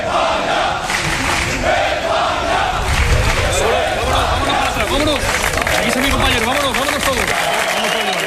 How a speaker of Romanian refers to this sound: Campionii au avut parte de o primire regală și la reședința premierului Pedro Sanchez. Sute de fani au aplaudat și au cerut să le facă poze celor care de duminică au devenit regii lumii fotbalului.